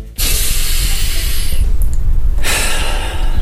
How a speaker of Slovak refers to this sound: Nádych, výdych, v pozadí zvieratka, príroda. Jednoducho sa treba upokojiť a niekedy teda sa musíme poriadne nadýchnuť a vydýchnuť.